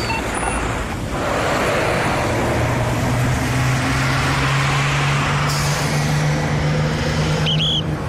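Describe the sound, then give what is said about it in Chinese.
Steady, dense road traffic flowing normally fills the scene with a continuous rumble and hiss of engines and tyres, vehicles rolling past, and a brief high brake squeal near the end. “车辆正常通行，车流正常。”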